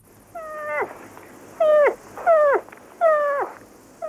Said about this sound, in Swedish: Ja, men det där, jag skulle säga att det där är säl. Fel, det är en älgkalv som låter så där.